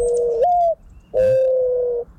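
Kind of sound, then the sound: bird, doves cooing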